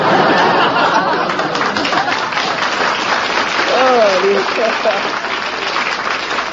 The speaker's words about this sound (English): I want to thank every bachelor in the audience. Even a couple of married men are applauding.